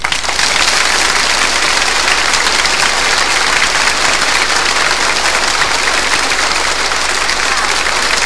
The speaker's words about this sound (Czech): Jistě, ono nejlíp se plácá, když je čemu, samozřejmě. Zatleskejte orchestru Československé televize.